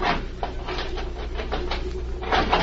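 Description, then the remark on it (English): A jimmy grinds and scrapes as it is forced behind a steel cabinet door to pry it open, with repeated bursts of metallic straining over a steady rasp that grows louder toward the end. “Now, if I can get the jimmy behind the steel door.”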